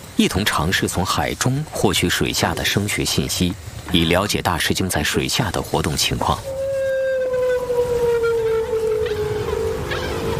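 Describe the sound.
A person talks for several seconds, then a long, drawn-out humpback whale call, captured underwater by a hydrophone and played from a loudspeaker, rises up alone, a steady moaning tone slowly sliding downward with a hollow underwater quality.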